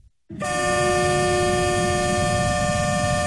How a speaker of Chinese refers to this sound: 在义乌铁路西站，一列满载日用百货、汽车配件、机械设备等货物的浙江中欧班列“一心欧”缓缓驶出，经满洲里口岸出境，驶向俄罗斯。